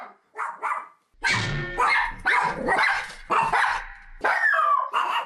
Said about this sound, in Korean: 텅 빈 복도가 개 짖는 소리로 시끄럽습니다.